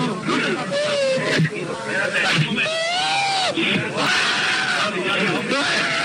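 A person cries and screams in distress, with wavering, strained wails rising and falling in pitch over a steady wash of noisy background babble.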